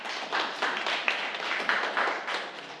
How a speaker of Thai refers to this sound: เดี๋ยวเรามาดูเฉลยแสดงว่าเพื่อนตอบถูกไหมครับถูกปรบมือให้เพื่อนด้วยนะ